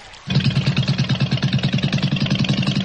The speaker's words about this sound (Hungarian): És elindítja a csónakot, amely lassan, nagy félkörben kanyarodik visszafelé.